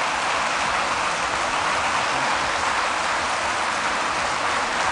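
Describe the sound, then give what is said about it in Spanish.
An audience gives an ovation for Pilar Garcés after she is sworn in as rector of the Universidad de Valladolid, a dense, even crackle of many hands clapping that holds at a consistent loudness for the whole stretch, with no voices heard over it. “Los aplausos.”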